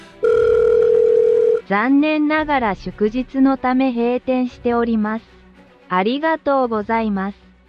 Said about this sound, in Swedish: Men då var det ju en automatisk telefonsvarare som svarade någonting som jag naturligtvis inte fattade.